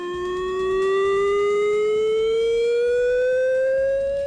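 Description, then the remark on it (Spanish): A chemical emergency warning siren, sounded as a drill in the municipality of Agurain, wails in one long, steady tone that slowly rises in pitch, loud and sustained throughout with a faint rumble beneath and no voices. “Es la sirena de emergencia química que sonará hoy entre las 10:30 y las 11 en el municipio.”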